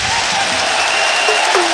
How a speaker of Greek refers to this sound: Δελαρέα πάρει τον πάγκο και χειροκροτείται.